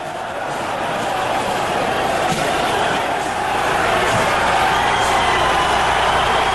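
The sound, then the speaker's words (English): A dense, screaming crowd at a show roars continuously at a steady, loud level, with a couple of dull bumps and crashes from projectiles and other objects being launched at the stage briefly poking through the din. “Now, among that screaming crowd, and you will hear as we go along here, bumps and crashes, that is actually projectiles and all kinds of stuff being launched at the stage.”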